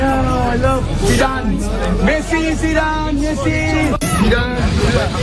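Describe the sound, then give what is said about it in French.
A dense, excited crowd of fans at the Stars Cup charity football and padel tournament presses in, trying to approach Zidane for autographs, many voices overlapping in loud continuous hubbub, with a brief sharp knock cutting through near the end. “Plusieurs personnalités sont présentes et dans la foule, qui tente d'approcher Zidane et de décrocher un autographe,”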